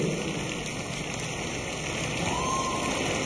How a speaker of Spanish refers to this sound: Fuerte el aplauso para nuestro padre.